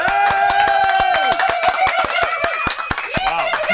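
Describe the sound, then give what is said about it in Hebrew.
A group in a radio studio claps steadily in a quick, fairly even rhythm, the sharp claps loud, with voices calling out and cheering underneath throughout. “איפה, איפה כפיים”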